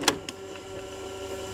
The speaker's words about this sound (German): So, wir schieben mal wieder ein Tape rein und gucken, ob ihr erkennt, welcher Song gesucht ist.